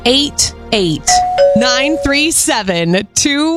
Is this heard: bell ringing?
yes